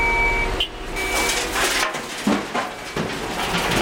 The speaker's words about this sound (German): Am Rand der Landstraße eine abgezäunte Fläche mit grauer Schotterpiste. Alle paar Minuten rücken Muldenkipper an und laden Grobgestein ab.